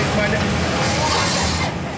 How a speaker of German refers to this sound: Und es ist sehr laut durch ein Gebläse.